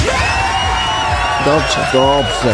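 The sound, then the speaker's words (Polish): An applause sound effect: a crowd applauds and cheers in a steady, dense wash of clapping, with a few voices whooping and calling out over it toward the end. “Ciężka praca człowieka wzbogaca, więc ocenię to na skali klaskometru.”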